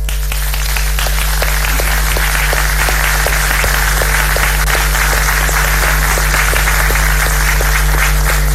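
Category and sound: crowd, audience applause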